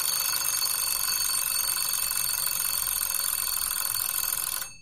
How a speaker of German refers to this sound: Man kann dann zum Beispiel den Handywecker stellen oder eine Küchenuhr. Wenn es bimmelt, ist der vereinbarte feste Zeitpunkt erreicht.